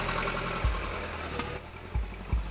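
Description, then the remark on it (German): A large bus engine idles with a steady low rumble, broken by a few heavier thumps and knocks. No one speaks over it. “Sie sind der reguläre Bus oder was sind Sie?”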